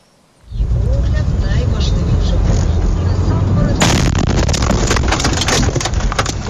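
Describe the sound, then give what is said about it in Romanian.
A sudden, very loud explosion bursts out of near-silence as a kamikaze drone strikes in the middle of a town in Zaporizhzhia, Ukraine, in broad daylight, landing beside the car whose dashcam records it. A sustained roaring rumble and harsh crackling follow as the blast strongly shakes the car. “O cameră de bord dintr-o mașină a surprins momentul în care o dronă kamikaze lovește chiar în mijlocul unei localități.”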